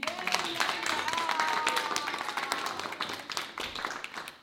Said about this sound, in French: Merci beaucoup. Nous pouvons applaudir